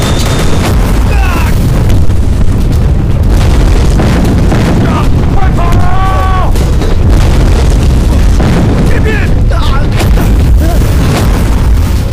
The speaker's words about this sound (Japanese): 銃声から見ると引っかかったそうだな。